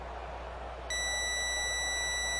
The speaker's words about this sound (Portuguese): 8:45 da noite, marcando o quinto sinal Bandeirantes, hora de Brasília.